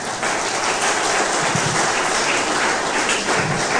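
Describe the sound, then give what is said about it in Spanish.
A church audience claps for the Lord in a dense, steady wash of applause that stays loud and even for a few seconds, with no voices standing out. “Denle ese aplauso poderoso al Señor.”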